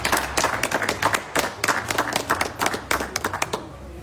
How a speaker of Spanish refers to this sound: Aplausos, aplausos, aplausos.